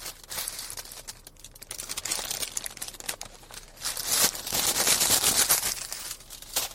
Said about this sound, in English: So, as you hear me chew, a little ASMR for you, a little bag ASMR.